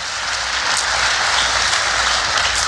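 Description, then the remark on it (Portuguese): A large crowd claps loudly and steadily, a dense, continuous wash of applause that holds at full strength throughout with no voices over it. “Pode dar uma salva de palmas forte, vai.”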